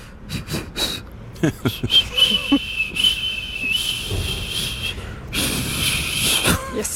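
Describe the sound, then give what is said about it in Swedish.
Breathy, airy blowing with a thin, wavering whistle tone that keeps breaking up, a clumsy, struggling attempt at whistling by someone learning to whistle, fairly loud, with short puffs of air between tries. “Du var ju runt på stan i Hässleholm för att försöka få hjälp och börja lära sig vissla.”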